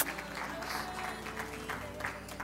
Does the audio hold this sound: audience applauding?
yes